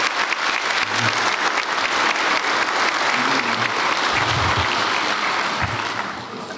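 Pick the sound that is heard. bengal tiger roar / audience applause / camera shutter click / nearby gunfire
audience applause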